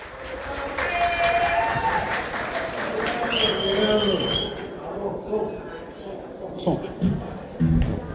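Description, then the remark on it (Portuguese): An audience at the Candeeiro da Canção Nativa nativist music festival claps steadily and loudly for about four seconds, welcoming a singer for the intermission show, with shrill whistles and cheers rising over it, then the applause thins out into scattered claps and murmurs. “conosco para realizar o show do intervalo, …, para os aplausos de todos.”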